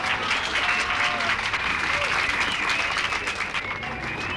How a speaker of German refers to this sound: Applaus bitte.